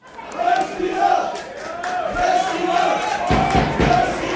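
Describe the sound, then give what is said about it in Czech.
Supporters of TJ Sokol Leština from the Šumperk district chant and cheer at Andrův stadium during the district super cup final against Hněvotín, a sustained roar of many voices with rhythmic swells and a few sharp claps or drum hits toward the end. “Ačkoliv fanklub týmu TJ Sokol Leština z okresu Šumperk měl na Andrově stadionu ve finále okresního superpoháru hlasitější podporu, neodvrátilo to porážku s Hněvotínem 0-4.”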